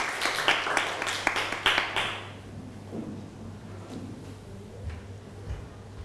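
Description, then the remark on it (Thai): Students clap together in a brisk burst of applause for the first group's representative, lots of sharp overlapping claps for about two seconds, then it quickly dies away to near quiet with a low steady hum underneath. “เดี๋ยวเชิญข้อแรกก่อนครับเอาปรบมือให้กับตัวแทนกลุ่มแรกด้วยครับเชิญด้านหน้าเลยครับ”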